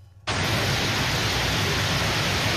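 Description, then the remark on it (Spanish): Heavy summer storm rain pours down in a dense, steady roar, up to 15 litres per square metre in 10 minutes, cutting in abruptly after a brief quiet moment and continuing loud and unbroken to the end. “Fuertes tormentas de verano sacudían el oeste del país, dejando registros de hasta 15 litros por metro cuadrado en solo 10 minutos.”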